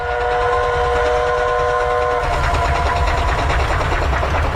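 A train leaving Harbin for Qingdao in June 1934 rolls along the rails with a loud, steady low rumble, while a sustained whistle tone sounds for the first two seconds before fading into the continuing clatter.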